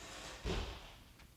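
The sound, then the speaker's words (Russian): A woman slams shut the door of Doctor Krechetov's house, a single short, muffled thud with a brief rumbling decay against a faint background hiss with no one speaking. “Почему она захлопнула дверь?”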